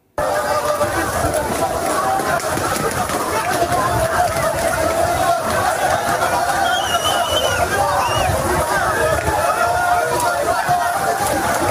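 A dense, continuous roar of crowd commotion as migrants run in a surging crowd trying to get a place, on the way to the port of Ceuta, with many overlapping voices and hurried movement, loud throughout without any pause.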